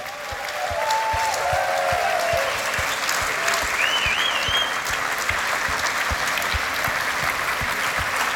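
A concert audience applauds steadily and loudly for the whole stretch, a dense wash of clapping, with a few faint cheers and a brief whistle rising above it. The applause is for the RTV Slovenija Symphony Orchestra and Big Band RTV Slovenija, conducted by maestro Patrik Greblo.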